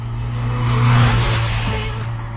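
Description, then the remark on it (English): A car engine hums with a steady low drone and briefly swells louder near the middle, like a short rev, before settling back to an even idle-like rumble. No voices. “I'm cool trying to work out what car is she driving? I think it's a Corolla.”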